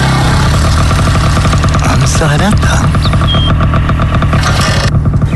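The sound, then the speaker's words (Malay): A motorcycle arrives and its engine rumbles steadily for the whole stretch, a loud idling drone, while a voice speaks briefly over it. “Eh, itu macam bunyi motor.”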